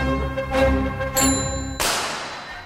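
A bicycle bell rings twice with a bright, sustained metallic tone, fairly loud, followed by a sharp noisy burst that fades out. No one speaks.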